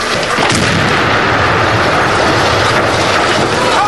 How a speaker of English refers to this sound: As they reach the balcony, one places a short fuse demolition charge against the sill.